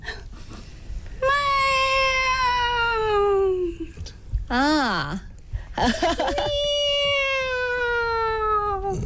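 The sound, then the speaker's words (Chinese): Voices imitate a kitten's meow, as a simple exercise for learning the Peking opera falsetto voice, in several long, high, drawn-out mews, one bending up and down in pitch, sung fairly loud with short gaps between them. “今天告诉大家一招非常简单您就能够学得会的啊一个方法，学猫叫，而且一定是学小猫叫。”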